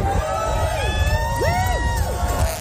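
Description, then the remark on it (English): A crowd of train fans cheers and whoops excitedly at Flinders Street Station as the new Extrapolis 2.0 train comes through, with overlapping high-pitched shouts and rising, gliding voices layered over a steady low rumble, sustained loudly throughout. “The train fans went mad.”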